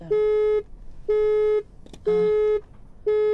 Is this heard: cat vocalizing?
no